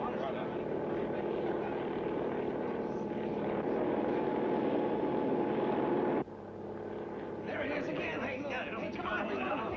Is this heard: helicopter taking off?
yes